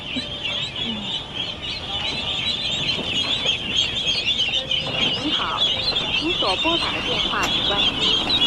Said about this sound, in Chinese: 你买了这么多小鸭子没？